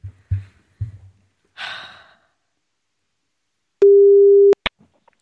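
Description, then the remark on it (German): A single steady, mid-pitched telephone ringing tone from a number just typed in and called sounds for under a second and cuts off with a click, preceded by a few soft thumps and a breathy exhale, with no talking. “Ich tippe es mal ein und wir klingeln”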